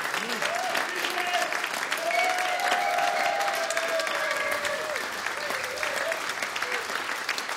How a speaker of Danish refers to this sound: Det, du hører her, er publikum, der klapper til en koncert